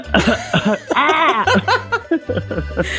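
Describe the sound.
A voice imitates an allergic seagull standing on a rock with squawky, nasal cries broken up by bursts of coughing and a sneeze-like sound, fairly loud, with other voices and low background noise underneath.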